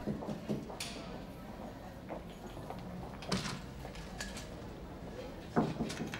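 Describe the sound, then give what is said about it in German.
A few soft, hesitant knocks on a door, light and irregularly spaced, quiet against a faint hush, with no voices. “Am Klopfen. Niemand in diesem Laden geht so zaghaft zu Werke.”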